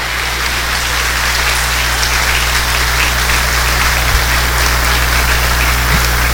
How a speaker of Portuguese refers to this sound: Então parabéns para vocês. Nós podemos aplaudir as crianças que vieram para a festa, sim ou não?